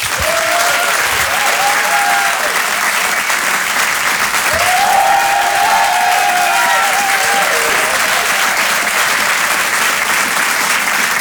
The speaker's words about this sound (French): Je vous demande de l'applaudir très fort, s'il vous plaît.